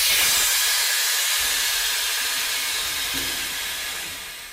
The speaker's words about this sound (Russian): Тусклая лампочка вдруг часто замигала, поезд как будто споткнулся на ходу, залязгали, набегая один на другой буфера, и мы остановились.